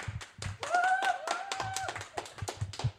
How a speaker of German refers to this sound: Klatscht ihr kurz nochmal? Can you please clap?